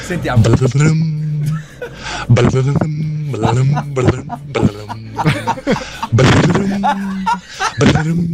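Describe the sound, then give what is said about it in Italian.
A voice on an Italian morning radio show imitates a harp with its mouth, making a run of short, plucked-sounding vocal notes with sliding pitch and breathy bursts, fairly loud and steady throughout. “Cioè, è difficile farla con la bocca, però.”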